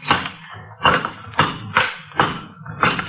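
A crowbar knocks against a brick wall six times in a steady rhythm to knock the wall down, each blow a sharp thud with a gritty crunch, and no voices.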